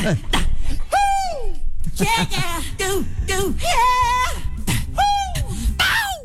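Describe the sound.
A voice imitates a famous pop singer's signature vocal yelps and moans, with a series of sharp, high, falling whoops and strained cries repeating in a loose rhythm over about six seconds.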